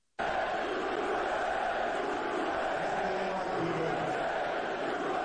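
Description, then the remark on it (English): A large crowd roars in a loud, unbroken wash of noise after a brief silence, with long low drawn-out vocal tones rising through it, booing Trump. “They were booing the hell out of him.”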